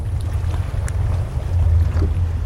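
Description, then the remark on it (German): Water laps at night in a flooded old harbour whose facilities stand mostly under water, unloading cranes rising into the night sky: a steady low rumble of wind and water with a few faint splashes and knocks, no voices, swelling slightly toward the end. “Ein gespenstischer Ort. Die alten Hafenanlagen stehen zum Großteil unter Wasser.”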